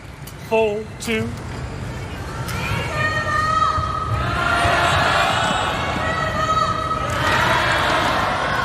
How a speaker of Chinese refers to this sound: 希望现场的观众呢，给李世峰的加油声能够给他注入新的活力啊。